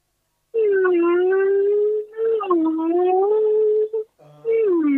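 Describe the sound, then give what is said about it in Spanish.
A person imitates a whale with long, wavering, moaning vocal tones, sliding up and down in pitch, sustained for several seconds with brief breaks, loud. “le hago hacer el sonido de ballenas a la gente”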